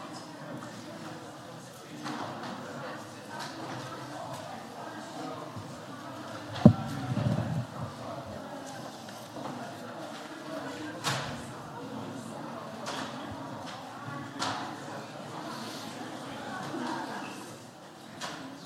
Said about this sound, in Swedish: Nu kommer ledamöterna in på plats i alla fall och sätter sig på sina stolar. Nu ska väl sammanträdet börja.